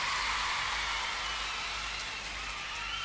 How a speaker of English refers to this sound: Tell you what, are you listening? How about giving yourselves a big round of applause? You deserve it.